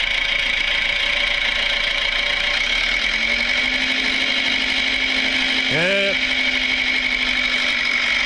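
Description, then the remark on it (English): A small, scruffy red tractor's engine chugs steadily and loudly as it drives away, its droning hum briefly rising in pitch near the end, while a man says a single word. “The little red tractor is a little bit scruffy.”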